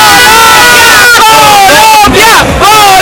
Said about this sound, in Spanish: A ver, un grito de ánimo para Colombia antes de que empiece la segunda parte.